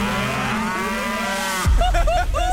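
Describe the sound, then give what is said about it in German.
A cow named Maya gives a long, drawn-out, loud moo for over a second before it cuts off abruptly into a louder stretch of voices over a low rumble. “Leute, unsere Kuh Maya hat gerade vor 10 Sekunden gekackt.”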